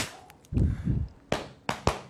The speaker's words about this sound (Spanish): Valórame estos fuegos artificiales y esta sirena, mira.